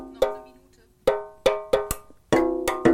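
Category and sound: household object, drumming on tin cans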